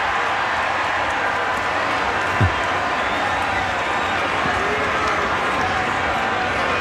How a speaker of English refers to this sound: Fans who are still here, which is a very small percentage of those who were here, cheering.